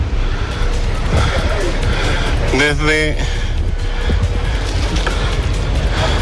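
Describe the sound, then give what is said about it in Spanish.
Constant roar of street traffic with cars on the Alameda in Santiago, Chile, backing up in both directions because of a road closure, briefly pierced by a short tonal blare like a horn, while a man speaks over the noise. “Se está haciendo un taco para ambos lados por el corte de tránsito.”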